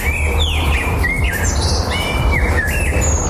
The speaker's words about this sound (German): Keine Sorge, das ist völlig normal. Im Frühjahr singen Vögel nämlich besonders viel, um ihr Revier zu verteidigen und Partner anzulocken. Jetzt steht der Nachwuchs im Mittelpunkt und da bleibt einfach weniger Zeit fürs Konzert.